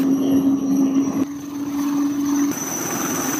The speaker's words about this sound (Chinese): 抵达预定海域后，湖北舰随即转入战斗部署，数架舰载直升机梯次起飞，舰面保障人员快速完成着舰引导、甲板细流、油料补给等保障作业